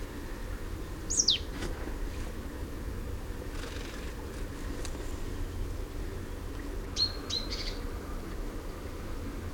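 great tit winter calls

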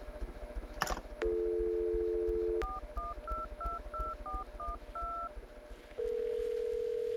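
telephone keypad dialing tones

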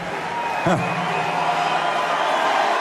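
cheering crowd

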